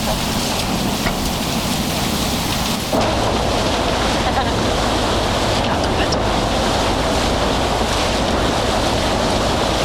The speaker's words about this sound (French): Ça, c'est le bateau qui mène de l'Estac au vieux port de Marseille. La navette.